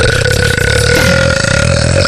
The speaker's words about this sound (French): T'as roté toute la nuit.